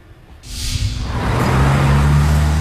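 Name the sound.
cars passing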